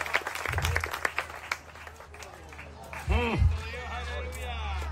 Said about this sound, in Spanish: Dele fuerte ese aplauso si es para el Cristo de la Gloria